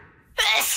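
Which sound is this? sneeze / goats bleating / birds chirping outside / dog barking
sneeze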